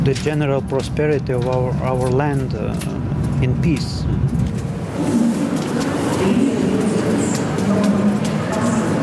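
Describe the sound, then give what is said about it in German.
A train arrives at Riga main station in the morning, a few minutes late: voices talk over the first few seconds, then a steady rumble and broad mechanical hiss take over and hold loud until the end. “Nur mit wenigen Minuten Verspätung erreicht der Zug am Vormittag den Hauptbahnhof Riga.”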